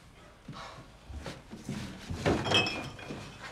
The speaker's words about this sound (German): du knallst hier keine Türen! Aber du oder was? Das war der Wind, Mann!